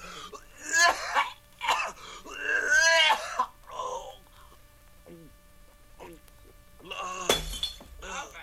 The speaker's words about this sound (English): He knocked over the pitcher.